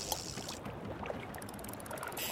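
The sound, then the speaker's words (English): A small boat pushes off from a dock, with water sloshing and lapping steadily around the hull and a few soft knocks and splashes, at low volume with no voices. “Stepping onto the boat. Pushing off from the dock.”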